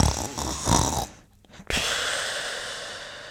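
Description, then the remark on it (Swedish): A sleepy person snoring: a rough, rattling inhale for about a second, a brief pause, then a long, breathy, noisy exhale that trails off. No one speaks. “Ni hör ju, sömniga personer är störiga som fan.”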